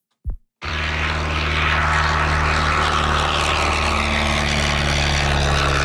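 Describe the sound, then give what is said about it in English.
A small two-seater propeller plane in flight drones steadily and loudly, its engine holding a constant buzzing hum with strong low harmonics, preceded by a brief click before the sound starts. “I just want to know what it sounds like when it's flying.”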